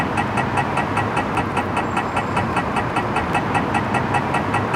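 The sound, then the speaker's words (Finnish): A pedestrian crossing signal at traffic lights ticks in a fast, steady, sharp rhythm over a constant rumble of car engines and street traffic. “Onks nämä liikennevalot minimalistisia?”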